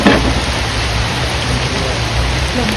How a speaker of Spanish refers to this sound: La lluvia arreció. Los truenos rompieron el silencio y complicaron aún más la búsqueda. El agua se llevó cualquier sonido y con él la posibilidad de escucharla.